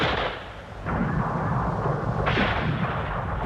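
Heavy gunfire roars in a dense, continuous barrage during a battle at İnönü in fog, fired from the enemy on the opposite hill, with loud surges of shots around one second and again near two and a half seconds, punctuated by sharp cracks of bullets flying past.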